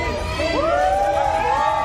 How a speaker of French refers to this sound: Jusqu'au balcon des immeubles voisins, la foule l'acclame.